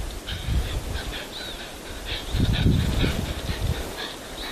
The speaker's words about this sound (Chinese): 更为难得的是，红外相机还清晰记录下了母豹经过时的喘息声。